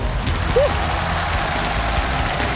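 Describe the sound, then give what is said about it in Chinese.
An audience at a toothbrush experiment show applauds to welcome a special experimenter onto the stage, a steady, dense wash of clapping that holds an even loudness for a few seconds, with no voices over it. “我们接下来要请出一位特别的实验员，掌声有请他上场。”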